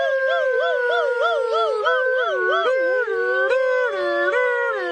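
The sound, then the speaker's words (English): Emergency rescue Razzleflabbins imitate a siren with their voices while running back to the village toward the hospital, wailing with a steady up-and-down warble that rises and falls several times per second, loud and continuous for about five seconds, with two pitches overlapping and shifting partway through. “But they did grab the other Razzleflabbin and run back to the village toward the hospital, making siren sounds with their voices.”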